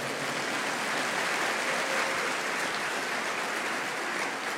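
Steady, dense applause from a crowd, given to the Lord after a prayer, fills the whole stretch, a continuous wash of clapping at even loudness with no voices on top.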